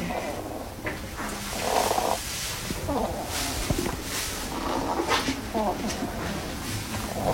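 A hedgehog named Koos, which has lungworm, breathes with a rattling, congested sound that resembles snoring but is not: a steady, low, snore-like rasp with a purring texture, broken by crackly bursts as each breath rattles through, continuing for several seconds.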